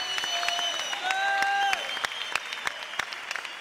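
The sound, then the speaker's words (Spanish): An audience applauds with a steady patter of sharp claps, first under sustained, gliding musical tones, then thinning to scattered, evenly spaced claps after the tones fade. “Aplaude, porque es parte del desarrollo de la fe, del poder que usted debe de alcanzar.”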